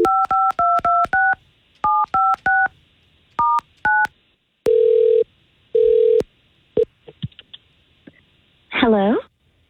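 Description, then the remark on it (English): A telephone number is punched in as about a dozen short, clear touch-tone beeps in quick uneven bursts, followed by two longer ringing tones and a brief warbling electronic sound at the end. “And we'll try to get her on.”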